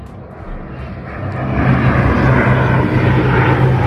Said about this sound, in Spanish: Evacuaban varias localidades cercanas. Poco después empezaron a pasar los aviones.